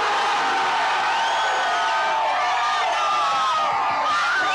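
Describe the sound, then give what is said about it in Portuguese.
A large crowd of Brazil football fans on Prudente de Moraes, watching on big screens, roars and cheers after a goal in Brazil's 3-0 win over Scotland, a dense wash of many voices yelling and whooping together, loud and sustained throughout with no individual speech standing out. “Com um placar de 3-0 sobre a Escócia, com dois gols de Vini Júnior e um de Matheus Cunha, a torcida celebrou e muito aqui na Prudente de Moraes.”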